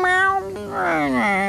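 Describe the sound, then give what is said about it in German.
A cat named Tiger lets out a drawn-out, whiny meow, fairly loud, its pitch rising then sliding downward in a second wailing phrase before trailing off. No one speaks. “Alle, außer der Katze Tiger.”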